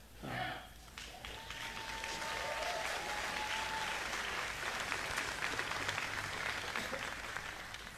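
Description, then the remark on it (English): A live-music audience at the Chris Wilson Pavilion breaks into sustained applause for America 250, a dense wash of many hands clapping at steady loudness for several seconds, with a brief tonal whistle-like sound rising early on. “Well, I think those applause were for America 250.”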